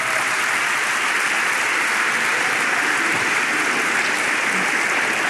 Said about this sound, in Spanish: Pronto viene Jesús y nos lleva. Dele palmas al Señor.